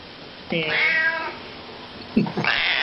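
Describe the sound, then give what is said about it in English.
A cat in a studio lets out one long, drawn-out meow that rises and then slides down in pitch. A shorter, rougher vocal sound follows a moment later. “I have a horse in the studio and a cat.”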